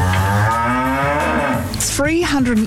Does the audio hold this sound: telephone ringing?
no